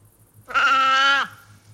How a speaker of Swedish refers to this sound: Nej, men det skulle kunna vara en älg som bräk. Nej, men det är okej då. Det där är säl. Det var en säl. Ja. Det var en sälkut.